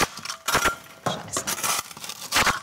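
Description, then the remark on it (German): Hollow knocking on loose clay plaster on a wall with a hollow space behind it: a handful of irregular, fairly loud knocks with a dull, door-like sound, some followed by a brief gritty rattle, with no voices. “Hier zum Beispiel hört man das, dass das klingt, wie als würde man gegen eine Tür klopfen.”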